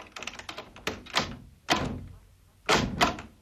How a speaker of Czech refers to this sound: Dveře. Přece je nenechám otevřené.